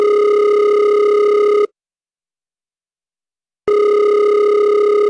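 A phone call ringing out on the line on a neighbor's borrowed cell phone: two long, steady electronic ring tones separated by a two-second pause, loud, with no voices.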